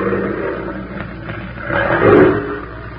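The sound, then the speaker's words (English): A female big wild cat growls up the trail near bait meat, a low, rumbling roar that holds steady for about three seconds, swelling louder near the end before easing off, with no voices over it. “Keep the safety on that rifle, Benson. We're taking that cat alive.”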